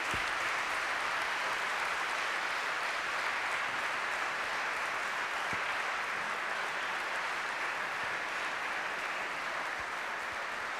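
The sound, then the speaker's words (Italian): Steady applause from a large audience for the Chingye Elementary School Choir from Chingye, Taiwan, at the 57th Rassegna Internazionale di Musica Sacra Virgo Lauretana: a dense, even wash of clapping that holds at a constant level for about eleven seconds without voices over it. “Nella lingua originale del popolo Rukai proseguirei l'applauso per Chingye Elementary School Choir da Chingye, Taiwan.”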